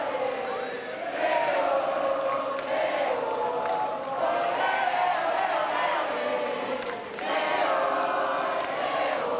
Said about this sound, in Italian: Con l'operatore fatichiamo a tenerli in un'unica inquadratura, ma i cori che sentite li sentiamo da almeno mezz'ora e ovviamente esploderanno al passaggio dell'auto con Papa Leone.